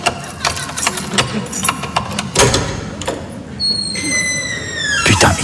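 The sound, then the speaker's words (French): Keys jingle and scrape in a lock with a run of sharp metallic clicks, then a door swings open with a long, high-pitched creak that slides downward. “Bon, attends, je vais ouvrir, j'ai mes clés, elle doit être sous la douche, elle doit pas entendre, je pense.”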